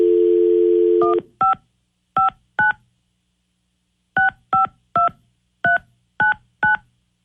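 A steady dial tone cuts off, then a series of crisp touch-tone beeps as a phone number is punched in at radio station 102.5 KDON, coming in two quick clusters with a brief pause between.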